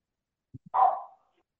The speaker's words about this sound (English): I got two dogs, and now somebody must be coming to the house.